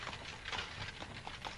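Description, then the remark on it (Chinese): Hooves of a large sika deer clatter in a quick, steady trot over hard ground, moderately loud, as the deer chases after a cart, with no voices over them. “有只大嘅梅花鹿追紧嚟噃。”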